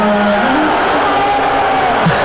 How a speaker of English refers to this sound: Cheer those cheers.